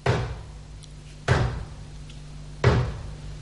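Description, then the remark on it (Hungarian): A heavy door bangs three times at steady intervals, each a loud thud with a short ringing decay, over a low steady hum and no voices. “Az ajtónyitás most csapást jövendel.”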